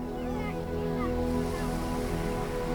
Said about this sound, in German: Und man hört schon hier leise das Meer rauschen.